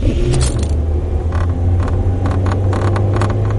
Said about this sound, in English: Does your car rattle like an old washing machine? If it does, you'd probably rather have another car. In fact, annoying interior noises can ruin a car's consumer satisfaction rating